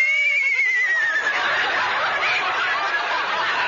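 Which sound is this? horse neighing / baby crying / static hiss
horse neighing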